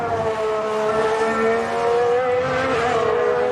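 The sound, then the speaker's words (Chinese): A racing car engine on track during a race screams at a steady high pitch, loud and continuous, its harmonic whine shifting slightly as it holds speed, with no voices over it. “刚才呢说能不能再多一些分析参考，来感受一下赛车，明显呢感觉有些不太对劲啊。”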